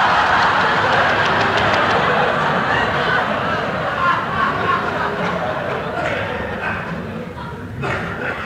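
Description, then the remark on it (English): A car engine roars at high speed, about 100 miles an hour, a loud, continuous rumble blended with rushing road and wind noise that holds steady throughout, easing only slightly near the end. “Great Geblunden, he's still alongside and we are doing 100 miles an hour.”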